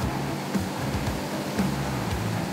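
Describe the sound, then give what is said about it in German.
A steady, forceful rush of water from a fire truck's water cannon, set to a continuous stream during a test, hisses continuously, with a low engine drone running underneath and no voices. The truck's tanks hold 12,500 liters of water and 800 liters of foam. “Einmal nach oben drücken, gibt der Dauerwassermarsch.”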